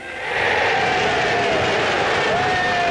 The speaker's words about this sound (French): Bon, ça fait chaud au cœur, évidemment, d'entendre la foule qui lui répond.